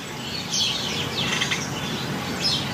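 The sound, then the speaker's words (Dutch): A dense, continuous chatter of dozens of house sparrows chirping together in the hedges and beech hedges around a house in Indijk, Friesland, overlapping calls forming a busy, steady din with no voices. “Jacqueline Noordman uit Indijk hoort tientallen mussen in de heggen en beukenhagen rond haar huis.”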